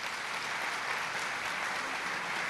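A crowd claps steadily for a man who came forward to help the speaker, a dense, continuous wash of many hands applauding at an even level throughout, with no voices standing out.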